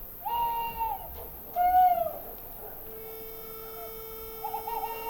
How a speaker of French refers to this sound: Il y a toujours cet oiseau premier. Le premier à lancer les feux de l'aurore. Un premier bec d'où jaillit le jour. Discrètement. Il appelle les autres becs à s'ouvrir.